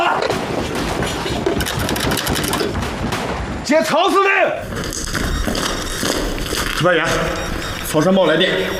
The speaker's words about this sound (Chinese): 哪来的枪声？ 不好了，司令，外边全是共军。